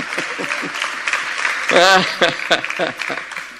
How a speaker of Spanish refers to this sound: Sí, aplauda.